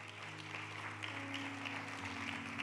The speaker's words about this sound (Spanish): Los de Dallas, denme un amén y aplauso, que aquí se me durmieron.